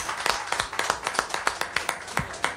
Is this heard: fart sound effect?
no